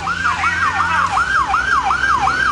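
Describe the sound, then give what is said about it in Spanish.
A Carabineros police siren yelps loudly, its pitch sweeping up and down in quick, steady cycles over a low rumble of road traffic, as the officers pass along a mud-covered street on their way to help residents evacuate their homes. “En este momento van pasando a ayudar, vamos, escuchemos, a quedar un poco embarrados, pero están yendo a cooperar para ayudar a las personas a evacuar sus casas, ¿no?”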